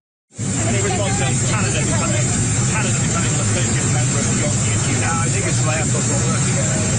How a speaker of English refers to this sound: an aircraft engine roaring in the background.